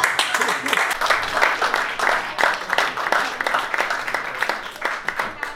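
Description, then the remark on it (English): A crowd claps steadily for several seconds in answer to a question asking who has never been with an Indian guy, a dense, even wash of many hands at a moderate, sustained level, with faint murmuring voices mixed in. “Anyone here, by round of applause, never been with an Indian guy before?”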